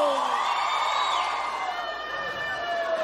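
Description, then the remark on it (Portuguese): An audience shouts and cheers together, a sustained wash of voices with rising whoops layered on top, fairly loud and continuous for a few seconds. “gostou, dá um grito!”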